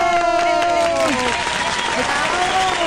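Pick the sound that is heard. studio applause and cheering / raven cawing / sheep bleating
studio applause and cheering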